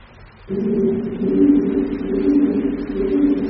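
A low, hollow pigeon cooing drifts in after a brief pause and rolls on steadily with a soft pulsing rhythm, distant and reverberant, echoing from pigeons in another part of a cave.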